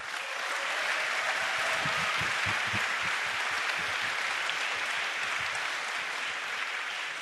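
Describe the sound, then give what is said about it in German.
Sustained audience applause for the organisers of an evening event held in cooperation with a church audience, a dense steady wash of many hands clapping at an even loudness for several seconds, with no voices rising above it. “Und dafür möchte ich einen kleinen ersten Applaus für all die Leute, die da so viel Arbeit reingesteckt haben, dass dieser Abend stattfinden kann.”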